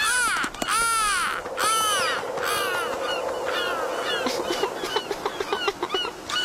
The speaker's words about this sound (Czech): Sebral mi rybu a ještě se chechta. Racek jeden chechtavý.